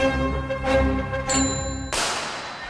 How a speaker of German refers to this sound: 1877, damit 60 Jahre nach der Laufmaschine, wurde die Fahrradklingel von John Richard Dedicott im Vereinigten Königreich erfunden